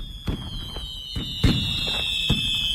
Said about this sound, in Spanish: Son las 12 de la noche y los fuegos artificiales iluminan el cielo de la ciudad. Acaba el primer día de la Expo 92.